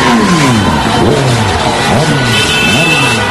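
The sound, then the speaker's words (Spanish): Several car engines rev loudly and repeatedly, their pitch sweeping up and down in quick bursts over a constant wash of busy street noise, as residents drive their cars through the province of Castellón, Spain, at night, celebrating Spain's World Cup victory over France. “Centenares de vecinos de distintos municipios de la provincia iniciaron marchas con sus coches para celebrar la victoria de España ante Francia anoche.”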